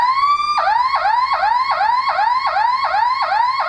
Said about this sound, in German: Und dann gibt es noch diese sogenannte Sirene, das hört sich dann quasi so an.